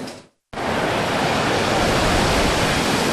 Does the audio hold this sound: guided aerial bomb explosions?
no